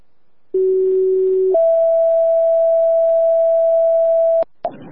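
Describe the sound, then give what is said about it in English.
Two sustained fire department radio paging tones for Chester Fire, sent as a test page, play back to back: a lower steady tone for about a second, then a higher one held for nearly three seconds, loud and clear, ending in a brief burst of static. “Can you do a test page of our tones, please?”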